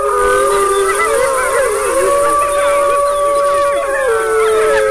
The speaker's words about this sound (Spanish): Mira, el lobo manda a callar.